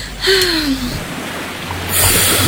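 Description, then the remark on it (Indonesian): Ocean waves wash onto a beach in a steady, hissing rush of surf, swelling louder near the end, with a brief breathy sigh early on. “Sejuk sekali, udara pantai yang segar.”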